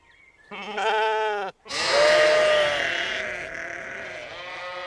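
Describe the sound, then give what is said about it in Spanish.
Three lambs, born in spring, bleat loudly: two long wavering cries back to back with a brief gap between them, the second trailing off into a softer, fading bleat. “Pero yo tengo 3 corderitos revoltosos con energía ilimitada.”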